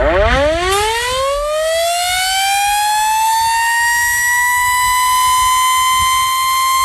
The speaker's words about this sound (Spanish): A la sirena de la fábrica, la liga echa el cierre, por lo menos en primera división.